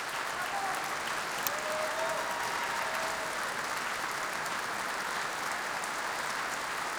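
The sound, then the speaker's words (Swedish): Sustained applause from a large concert hall audience, joined by the orchestra, as the soloist and conductor come out for another curtain call: a dense, even patter of many hands clapping at steady loudness for the whole stretch, with no voices standing out. “Och även orkestern deltar i applåderna här.”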